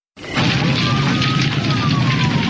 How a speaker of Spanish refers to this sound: ¡Pronto! ¡Llama a los bomberos! ¡La casa de enfrente se está incendiando!